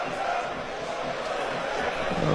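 CSKA fans in the central sector of the Vasil Levski National Stadium chant for the resignation of coach Hristo Yanev, a dense, continuous roar of many voices with no single voice standing out, holding steady and then swelling louder toward the end.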